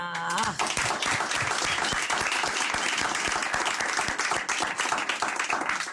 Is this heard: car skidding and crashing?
no